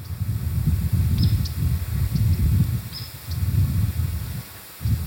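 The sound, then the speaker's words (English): Faint, brief bird chirps ring out a few times over a steady low rumble of wind or outdoor noise, with no voices present; birds chirping and flying all around near a berry patch. “The birds are chirping and flying all around, right?”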